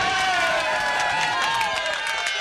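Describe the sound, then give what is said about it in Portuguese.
Steady crowd noise of clapping and cheering, a dense wash of hands and raised voices holding at an even, fairly loud level throughout. “Palmas pra ela, palmas.”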